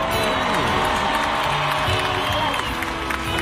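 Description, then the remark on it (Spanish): A large crowd in Colombia applauds and cheers steadily at an event held to help rebuild the country, a dense wash of clapping with shouts and whoops rising over it, loud and continuous throughout. “Son ustedes, así que un aplauso por ustedes, Colombia.”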